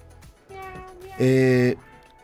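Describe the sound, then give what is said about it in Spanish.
A human voice imitates a cat's meow: a drawn-out nasal tone, then a louder, strained miaow that swells briefly and cuts off, clear against faint background noise. “Gato bonito.”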